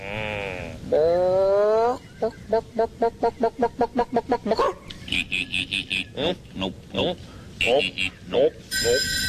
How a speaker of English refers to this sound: Chicken. Yep.